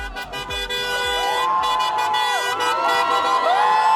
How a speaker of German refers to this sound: Am 12. April endete in Ungarn die Ära Orbán. Großer Jubel in Budapest nach dem Wahlsieg von Péter Modiar.